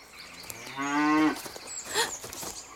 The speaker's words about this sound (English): Oh! Please, Mrs. Cow, please, stay away. Oh, please, Mrs. Cow, please stay away.